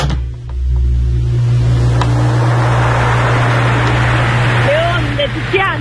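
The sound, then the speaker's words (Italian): Sea waves breaking on a shore make a loud, continuous roaring wash with a low rumble underneath. Brief voice-like tones rise over the surf near the end. “non no, sono le onde”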